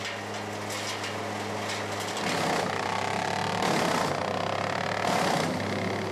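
A wood chipper engine drones steadily with a low, humming tone, growing louder after a couple of seconds as bursts of harsh grinding noise surge over it. No one speaks.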